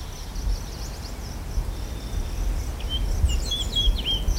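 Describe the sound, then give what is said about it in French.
Birds chirp and sing in early spring over a steady low outdoor rumble, with scattered high calls that grow busier and more overlapping toward the end. No one speaks. “Les oiseaux chantent, les arbres bourgeonnent, la Drôme coule à flot, les terrasses se déploient, les jours s'allongent.”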